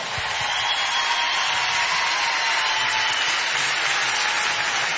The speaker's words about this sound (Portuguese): Um grande aplauso para este magnífico compositor